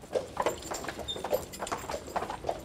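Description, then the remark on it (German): Two horses pulling a beer delivery wagon in OWL on a cold day: hooves clip-clop at a steady walking rhythm, each strike sharp and moderately loud over a rumbling, rolling undertone, with a brief faint high squeak partway through. “der letzte Bierkutscher in OWL.”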